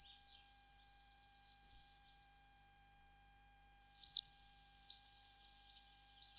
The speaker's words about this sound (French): Les gobe-mouches noires qu'on entend ici, et qui sont vraiment très très communs. C'est encore un oiseau qui se porte très bien.